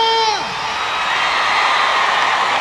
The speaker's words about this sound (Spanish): aplauso fuerte para Huayna.